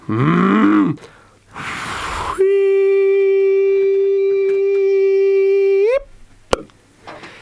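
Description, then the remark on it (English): A cow gives a short, low bellowing moo with a rough, breathy burst after it, then a long steady droning tone that holds for several seconds before bending upward, followed by a sharp click. “I'm sure the cow will put some on for you.”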